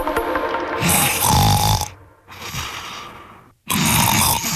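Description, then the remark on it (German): A person snores loudly: three rough, rasping breaths, each separated by a brief pause, with a rattling low rumble running through them. No one speaks. “Bei der Hitze können manche richtig schlecht schlafen und auch nicht so gut schnarchen wie sonst.”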